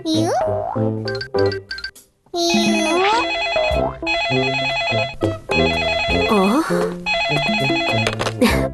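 telephone ringing

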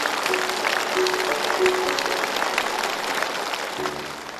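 studio audience applause

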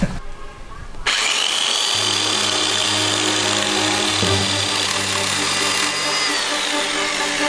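electric saw running

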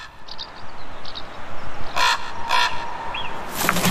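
carrion crow cawing

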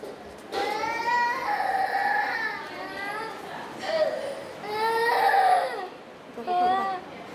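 baby crying

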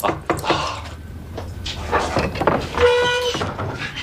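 door being opened

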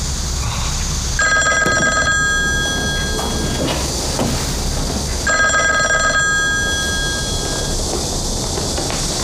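telephone bell ringing

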